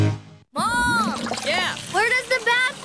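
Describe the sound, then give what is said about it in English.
Brief sloshing and splashing of water in a bathtub, where a Lego figure is being given a bath, opens, then a short pause, followed by playful sing-song vocal sounds with a few watery splashes mixed in. “I was giving my favorite Lego man a bath, and he went down the drain.”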